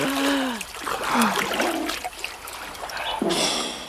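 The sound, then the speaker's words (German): Continuous splashing and trickling water as a boy and a condor bathe in a lake, with brief murmured voice-like sounds mixed into the steady wet churn. “Doch als sie aus diesem Wasser wieder herauskamen, waren sie hübsch und jung.”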